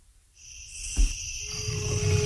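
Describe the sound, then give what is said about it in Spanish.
A jaguar's low, rumbling roar in the jungle at night swells toward the end, set against a steady, high chorus of night insects, with a brief dull thump partway through. No one speaks. It is heard in the segment La huella del jaguar on SICAM Radio. “Entre la selva y las estrellas, en la penumbra de la noche, su rugido resuena en el tiempo. La huella del jaguar.”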